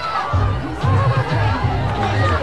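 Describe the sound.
The JCM home crowd at a football game stands to its feet after a Bulldogs first down, making a steady roar of cheering and chatter, loud and continuous throughout, with a broad wash of many voices and scattered laughter.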